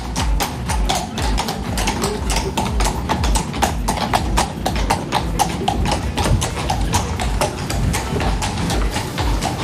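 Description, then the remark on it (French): Horse hooves clatter steadily on cobblestones, a dense, continuous run of sharp clip-clop strikes, loud, with several hoofbeats overlapping throughout and no voices. “Oui, moi, je pense que c'est des chevaux qui galopent sur des pavés.”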